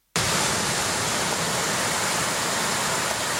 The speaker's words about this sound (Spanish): Y lo ha hecho con éxito de público, de tal forma que el sonido del mar se ha vuelto a mezclar con los chapoteos y las conversaciones de la gente.